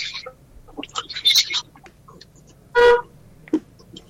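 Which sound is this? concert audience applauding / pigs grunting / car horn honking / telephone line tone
car horn honking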